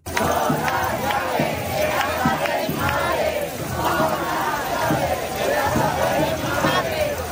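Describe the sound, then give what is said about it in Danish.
A large crowd protesting the housing situation in Madrid, Spain, chants and shouts in a steady, repeating rhythm, with a bright metallic jangle of rattled keys to their parents' houses running through the loud, continuous roar of many voices. “De har boet i telte på byernes pladser og torve, og de har raslet med nøgler til deres forældres huse, som de råber her i Madrid.”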